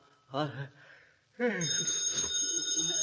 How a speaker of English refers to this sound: the telephone is ringing.